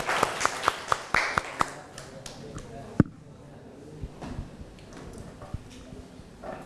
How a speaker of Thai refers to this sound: เดี๋ยวกลุ่มที่5ก่อนปรบมือให้กำลังใจเพื่อนหน่อยเร็ว